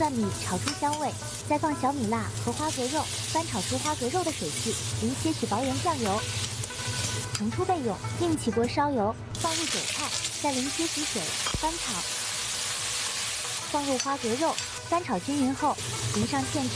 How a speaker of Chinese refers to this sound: 配料就准备屏幕上的这些：起锅放入五花肉丁，小火炒出油脂，然后放入姜。